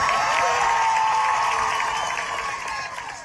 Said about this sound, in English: And the crowd erupted in cheers when Gomes's name was called. Marcelo Gomes da Silva.